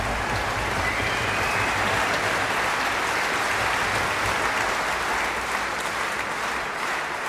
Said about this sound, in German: Begeisterter Applaus für die Bamberger Symphoniker